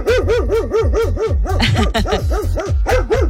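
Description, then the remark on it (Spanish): A dog barks in rapid, insistent bursts, the high-pitched alert barks repeating steadily with no pause for over three seconds. No one speaks. “Cuando hay uno de alerta, es un poco más agudo, es rápido y repetitivo.”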